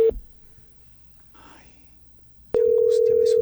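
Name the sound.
telephone line ringing tone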